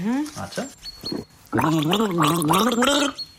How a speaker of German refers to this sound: Also ich gurgel dir einen Song und du musst erkennen, welcher es ist, ja?